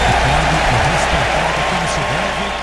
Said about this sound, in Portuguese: Aplausos das duas torcidas, portanto, vamos para o jogo.